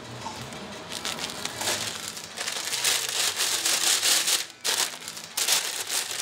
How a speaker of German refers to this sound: Ja, auch so eine Marotte von mir, Tüten ordentlich zudrehen. Ja, wenn du ein Mettbrötchen mit Zwiebeln hast und du schmeißt die da so rein und er macht so unterwegs auch, liegen die Zwiebeln drin und einfach schön zudrehen.